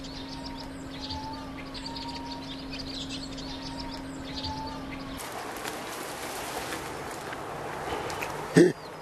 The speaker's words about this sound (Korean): 이 소리. 얘가 붉은 머리 오목눈이 뱁새 소리예요. 여기 소리 들리세요? 이 안에 네. 있는 것 같은데 왠지. 네. 새의 소리를 따라가 보니 빼곡한 갈대 동굴 안에 둥지가 있습니다. 몸길이 13cm 내외의 작은 새, 붉은 머리 오목눈이입니다.